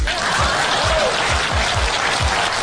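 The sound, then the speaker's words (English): A crowd breaks into steady, dense applause, a loud crackle of many hands clapping at once, with a regular low thumping pulse underneath and no voices. “Please clap.”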